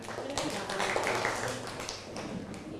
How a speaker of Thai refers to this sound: กวาดใบไม้ครับ กวาดใบไม้ปรบมือให้เพื่อนหน่อย